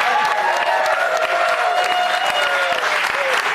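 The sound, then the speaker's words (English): The studio audience of Fox News Saturday Night in New York City breaks into loud, sustained applause, dense clapping rolling steadily for several seconds with cheers and whoops rising over it. “You guys, it's such a great crowd.”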